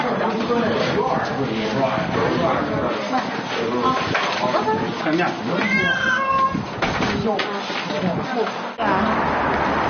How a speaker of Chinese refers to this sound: 家里的猫认生，最好由他在家里把猫装进笼子，其他人在屋外帮忙。